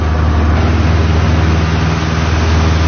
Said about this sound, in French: c'est vraiment un tout petit avion, extrêmement léger, il a fallu très peu de mètres pour décoller. C'est très bruyant dans la cabine.